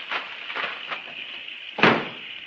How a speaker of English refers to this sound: Okay, close the hood.